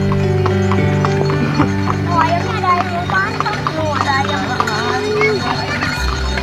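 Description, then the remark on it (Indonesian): Hooves of a horse pulling a delman, a traditional engineless horse-drawn cart with two, three or four wheels, clip-clop in a steady rhythm, mixed with sustained tonal sounds and brief high chirping noises, all fairly loud throughout. “Delman adalah kendaraan transportasi tradisional roda 2, 3, atau 4 yang tidak menggunakan mesin tetapi menggunakan kuda sebagai penggantinya.”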